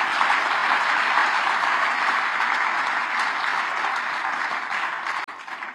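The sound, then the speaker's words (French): An audience applauds the listeners of Radio Espérance during a live broadcast, a dense, even wash of many hands clapping that holds strong throughout and then thins out abruptly near the end. “Eh ben oui, eh ben on peut applaudir les auditeurs Radio Espérance, mes amis.”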